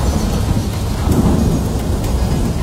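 A thunderstorm with steady, dense rain hissing throughout and deep rolling thunder rumbling underneath, swelling briefly partway through. No voices, just the loud storm.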